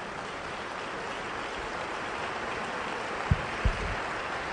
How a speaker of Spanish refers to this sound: Dele fuerte el aplauso a Él.